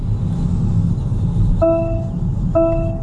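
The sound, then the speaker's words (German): Two electronic warning chimes from the driver-assistance system of a newly registered car, such as a lane-keeping or speed assistant, each a harmonic multi-tone beep, sounding over the steady low rumble of a moving vehicle's interior. “Es piepst in den neu zugelassenen Autos, denn seit 2024 sind zum Beispiel Spurhalte- oder Geschwindigkeitsassistenten Pflicht.”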